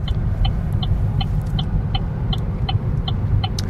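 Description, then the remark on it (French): A steady low rumble of a car driving along small departmental roads in the hills of Occitanie, toward the hinterland of Agen in Lot-et-Garonne, southwest France, to visit Augustin Frison-Roche, with a faint, evenly spaced ticking repeating a few times per second over the engine and tyre noise. “Là, on est sur la route dans les collines d'Occitanie, des petites routes départementales qui vont nous conduire dans l'arrière-pays d'Agen, dans le Lot-et-Garonne, pour nous rendre chez Augustin Frison-Roche.”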